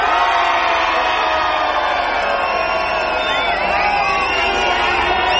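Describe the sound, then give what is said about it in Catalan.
A large live crowd shouts and cheers loudly and continuously, a dense wall of many voices with scattered whoops rising above it, steady throughout without pause. “Un crit molt fort també per la gent de Beni Dolores.”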